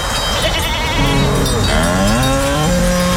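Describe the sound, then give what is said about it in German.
Goats bleat in wavering, quivering cries, while a deeper, drawn-out lowing of cows runs underneath, out in the mountains of South Tyrol; a steady outdoor hum fills the background and no one speaks. “Kühe. Ziegen, sehr gut.”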